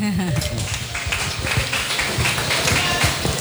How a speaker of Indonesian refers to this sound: Maka dari itu saya memberikan suatu apresiasi, kalau bisa tepuk tangan.